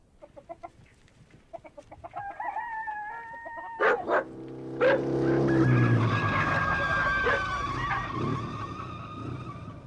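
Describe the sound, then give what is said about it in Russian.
Chickens cluck and a rooster calls, then a government-issued motorcycle bringing a telegram roars up to the Kasatkins' log hut and skids to a stop with a sharp scrape, its engine idling loudly afterward. No one speaks. “История в Малиновом заовражье, по словам Вовки, началась с того дня, когда он привез на своем казенном мотоцикле к избе Касаткиных телеграмму.”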